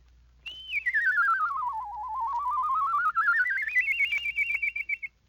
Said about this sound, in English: With this lesson learned, you can whistle songs and even imitate birds.